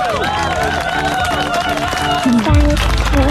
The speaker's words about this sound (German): Oh, das ist ein richtig, richtig toller Erfolg. Das hier ist dein Applaus.